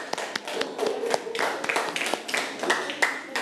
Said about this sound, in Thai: ค่ะปรบมือให้กับตัวแทนกลุ่มที่1ค่ะ